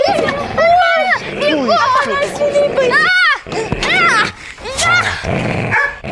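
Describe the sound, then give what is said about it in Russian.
A dog attacking a woman snarls and yelps in a loud, frantic scuffle, with rapid overlapping bursts of growls and high whines running nearly nonstop for several seconds, mixed with agitated human cries. “На меня накинулась собака.”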